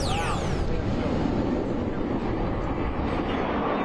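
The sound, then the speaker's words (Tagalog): A loud, continuous roar of fighter jets fills the air during America's 250th independence anniversary celebration in Washington, D.C., with a sweeping pitch shift at the start as the aircraft pass overhead, then a steady dense rumble. “Sa dagundong ng fighter jets, in grand fireworks display, ipinagdiwang ng Amerika ang ika-250th anniversary ng kalayaan nito.”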